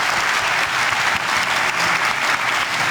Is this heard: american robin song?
no